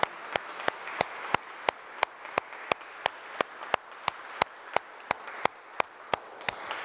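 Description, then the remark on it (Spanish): A church community audience applauds the Virgin Mary in her various advocations visiting the community, a dense wash of clapping punctuated by sharp, evenly spaced claps roughly three per second, keeping a brisk rhythm for the full seven seconds with no talking. “Fuerte el aplauso a María Santísima en sus distintas vocaciones que están visitándonos aquí en la comunidad.”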